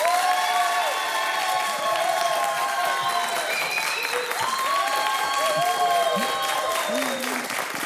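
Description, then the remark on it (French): A large audience claps loudly and steadily as an applause-meter vote, with excited shouts and cheering voices rising over the dense wash of applause, sustained without a break from start to finish. “Et ça va être à l'applaudimètre.”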